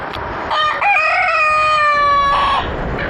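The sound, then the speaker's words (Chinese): A black-bone chicken rooster crows once, a loud, drawn-out tonal call lasting about two seconds, amid faint clucking of black-bone chickens and a steady rustling background in the mountain forests of Taihe. No one speaks. “几近消失的乌鸡在村民们的精心呵护下又回到了泰和的山林间。”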